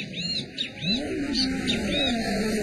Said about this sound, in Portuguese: Tem um bem-te-vi.